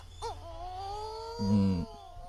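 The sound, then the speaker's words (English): A mutton bird calls with an eerie, moaning wail: a short rising cry, then a long drawn-out quavering note that ends in a deeper, louder groan. No talking. “But you can add this one, the mutton bird.”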